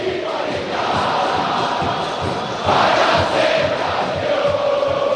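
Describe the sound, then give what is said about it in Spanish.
A huge crowd of Boca Juniors fans chants together in the stadium as the team comes out before a match against Vasco, a loud, continuous roar with a steady rhythmic pulse running through it and a surge in volume about halfway through. “Escucha al pueblo de Boca.”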